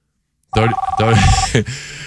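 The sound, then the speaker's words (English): A telephone rings once, a loud electronic trill with a rapid warbling pulse that lasts about a second, then cuts off into a brief rustle. “Come on, shut that phone off.”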